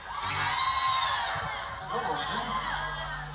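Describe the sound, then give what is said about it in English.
A lively Chapel Street crowd at a live music set cheers and shouts over a few seconds, with high whoops and overlapping voices forming a steady, fairly loud wash of noise, while a low hum runs underneath. “It's a real Chapel Street crowd here tonight, ladies and gentlemen.”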